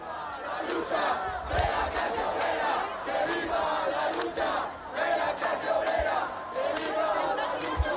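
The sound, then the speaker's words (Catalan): A protest crowd at an encampment in Ibiza, behind a heavy police cordon, shouts in unison on 12 October during the Guardia Civil's patron-day ceremony, loud and sustained, with overlapping voices rising and falling in rhythmic chant-like bursts across the whole stretch. “També s'han sentit insults en contra del president del govern estatal i des de dins, després d'un fort cordó policial, els crits des de l'acampada són aquests.”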